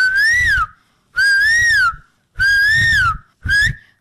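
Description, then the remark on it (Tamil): A school student doing mimicry imitates an Asian koel's call, whistling four loud rising-and-falling notes in a steady rhythm, the last one shorter, with short pauses between them and no talking. “இது எனக்கு தெரியுமே, குயில்.”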